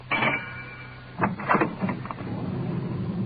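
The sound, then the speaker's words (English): A police radio car's engine rumbles low and steady as the car swings around a turn into an alley, with a few brief knocks and scrapes partway through as the ride gets bumpy; the sound is muffled. “Swinging around to get into the alley.”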